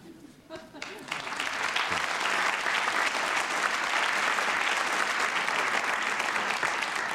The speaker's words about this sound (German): Wir wenden uns ab von diesem sympathischen Applaus aus dem Münchner Volkstheater